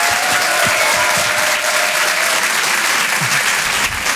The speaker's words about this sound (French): Je vous demande de l'encourager, on peut l'applaudir très très fort.